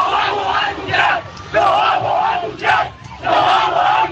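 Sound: fans cheering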